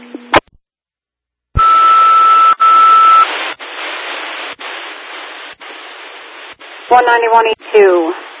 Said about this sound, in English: I have absolutely nothing but the audio of the fire alarm in the background.